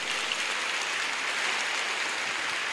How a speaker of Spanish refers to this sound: Dele un aplauso al amor de Dios.